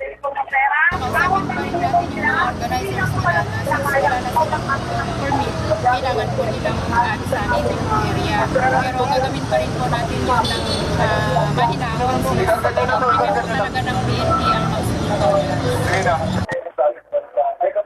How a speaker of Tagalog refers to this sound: Samantala, sa mga oras na tumubing pa rin ang traffic sa EDSA Bound, bagamat dumadag sana ang mga sakya dahil sa rush hour,